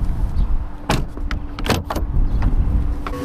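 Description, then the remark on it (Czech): The door of a self-driving robotaxi parked on a city street is opened using its automatically extending pop-out handles, with a few sharp mechanical clicks and thuds over a steady low vehicle rumble, and a soft electronic tone near the end. No one speaks. “A už si to jedno šine přímo ke mně, tady u mě zaparkovává, zastaví, vyběhnou mu takové ty páčky, že se automaticky ho můžu otevřít, tak jdeme to zkusit.”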